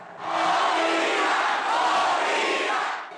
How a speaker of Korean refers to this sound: 대표팀 선수들이 온다는 사실만으로 흥분을 주체하지 못하는 멕시코 축구 팬들. 3시간이 넘는 흥겨운 응원전 끝에 대표팀 선수들이 눈앞에 나타나자 현장은 이내 아수라장이 됩니다.